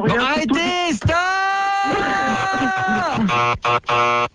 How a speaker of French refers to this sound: Stop, je vais d'appuyer sur le buzzer comme un fou furieux.